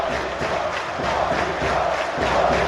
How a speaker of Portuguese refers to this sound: E a torcida grita o nome do Colídio.